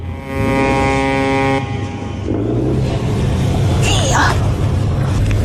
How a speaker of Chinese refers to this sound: 船灯越来越亮，马达声大过了海浪声